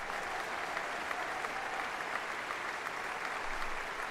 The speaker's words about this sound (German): Unterdessen, das hören Sie, brandet der Beifall hier im Saal immer wieder auf und die Dirigentin Karina Kanellakis strahlt. Ein verdienter Dank des Publikums für ein großartiges und berührendes Konzert.